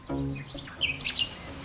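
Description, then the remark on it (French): Songbirds, with blackbirds singing, chirping in spring in a quick run of short, bright, high tweets, after a brief low hum at the start; no one speaks. “Tout à la joie, on a vu des hirondelles et les merles chantent.”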